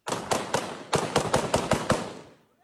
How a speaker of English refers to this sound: Explosions and gunfire were heard as forces loyal to an ousted governor launched an attack. The defense ministry says fighters linked to Al-Shabaab also took part.